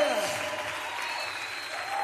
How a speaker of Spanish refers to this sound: Oh, dale fuerte ese aplauso al que es digno de honra, de gloria, de adoración, de alabanza.